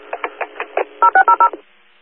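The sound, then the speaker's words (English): Dispatch alert tones are resent over a Herkimer County radio channel to Frankfort for a possible gas leak on Acme Road: five quick beeps, then four longer, steady two-note tones in fast succession, fairly loud, with faint radio hiss and no talking. “Can you resend the tones? I think there was an issue with the transmission.”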